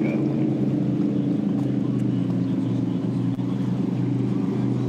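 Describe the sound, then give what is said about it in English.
A racing boat's engine drones loudly and steadily throughout, a thick, continuous low roar with buzzing harmonics and no break or fade, as Myrick makes a single fast pass, running the course backwards with a tailwind. “Oh, he's trying to make one single fast pass, isn't he? Here he goes.”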